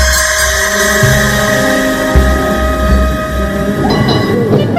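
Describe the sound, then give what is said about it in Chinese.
A tram rolls steadily onward along the tracks, a continuous rumble with a whining motor hum and metallic rail clatter, sustained at an even, loud level throughout with no voices. “电车继续往前开去”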